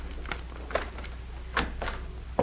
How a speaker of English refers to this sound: I've got a pass key. Do you want me to open the door? Yes, I think you'd better.